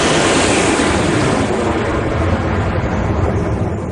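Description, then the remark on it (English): A loud, steady jet roar fills the air, its hissing high end fading after a moment as the airplane passes and begins to recede, leaving a dull rumble. “When we try to listen to nature, it can be maddening to hear the sounds of automobiles, chainsaws, generators, and airplanes.”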